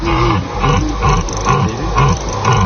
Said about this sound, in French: avec un ciel dégagé et le brame du cerf en fond, ça c'est oh, beau. Magnifique.